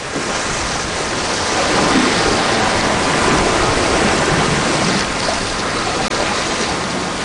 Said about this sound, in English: A calm, ruffled sea that we had for the first 2 days turns into huge, beautiful blue rollers with white caps, and a southwest wind that pushes us exactly where we want to go. The boat's making over 200 miles a day now.